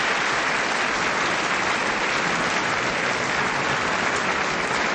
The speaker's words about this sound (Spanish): Él es, por fin, hermano, te vamos a dar un aplauso, varón. De verdad que te vamos a dar un aplauso, pero por fin.